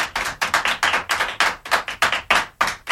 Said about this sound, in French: Voilà, les enfants vous applaudissent. Je ne sais pas si vous les entendez. Oui, je les entends, en effet.